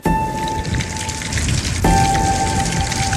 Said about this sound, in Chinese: 晒凉最怕下雨，眼看着雨水不期而至